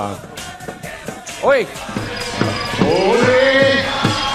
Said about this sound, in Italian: Guarda Martina che tifo che c'ha.